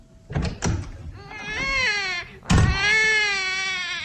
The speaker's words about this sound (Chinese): 婴儿哭了，安在天站在那里，眼神一直躲闪着，他不愿意看见婴儿。